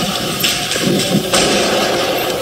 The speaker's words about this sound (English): gunshots inside the Fairlane Town Center Mall near Detroit.